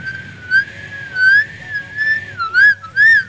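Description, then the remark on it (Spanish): A person whistles a wavering, sliding tone in imitation of howling wind, swelling louder in several gusts over a few seconds, clear with no talking. “El viento silba.”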